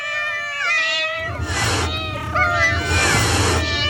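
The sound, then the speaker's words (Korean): A cat yowls in long, wavering, loud cries over a rough, noisy rumble of scuffling that swells in two bursts, like a fight breaking out. “라투스들이 고양이의 공격을 피하자”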